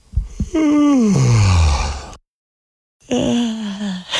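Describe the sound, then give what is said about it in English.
A soft, dainty yawn: a breathy voiced tone that slides slowly downward in pitch, then a brief silence and a second, shorter yawning sigh. No speech. “That was a baby yawn. It sounded so soft.”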